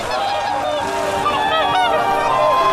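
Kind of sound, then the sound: bird, whooper swans honking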